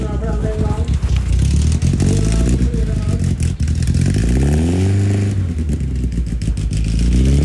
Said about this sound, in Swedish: Folkracebilar i fokus idag, då det är stor motorvecka och alltså vilken otrolig stämning och gött folk där.